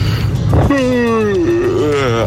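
After a breathy intake, a loud, drawn-out vocal yawn groans on one tone, sliding slowly downward and then wobbling back up in a warbling, almost yodel-like way before trailing off.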